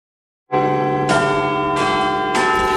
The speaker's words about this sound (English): The sounds there of Big Ben, and of course the bells have tolled for Sir Keir Starmer, who has resigned as the Prime Minister of this country.